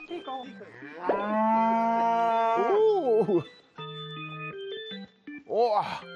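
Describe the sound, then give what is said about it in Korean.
Dairy cows, just milked, moo several times as they walk out of houses through open gates in a village in the morning, including one long, drawn-out call that bends in pitch, followed by shorter lowing calls. The moos sound fairly loud. “오, 저 집에서도 소가 나옵니다. 아, 온 동네 소들이 지금 이 시간에 다 나오고 있어요.”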